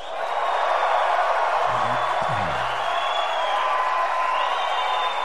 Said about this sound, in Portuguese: Até agora o mais aplaudido aí foi o Hendrick, viu?